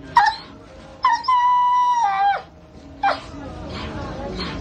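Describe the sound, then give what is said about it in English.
Several hungry, starving rescued dogs in Uganda whimper and howl. One long, wavering howl holds steady before dropping off, followed by shorter whines and yelps. “As you see, our dogs are hungry.”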